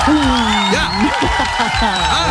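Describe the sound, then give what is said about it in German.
A loud, steady wash of crowd applause fills the whole clip, with cheering voices and rising whoops riding over the dense clapping. “Und ich hätte für dich hier noch etwas, was du vielleicht noch nicht erlebt hast, nämlich den größten Applaus deines Lebens.”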